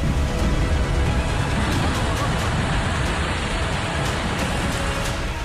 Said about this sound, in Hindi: पहाड़ों पर बारिश ने कहर बरपाना शुरू कर दिया है। मूसलाधार बारिश अब आफत बन गई है।